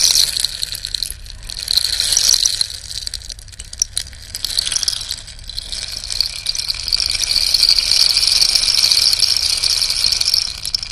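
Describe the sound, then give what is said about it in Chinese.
A cactus rainstick pours out a steady, dense hiss of tiny pebble-like ticks, swelling and easing in gentle waves like ocean surf, bright and continuous with no voices. “就是像海浪的声音。”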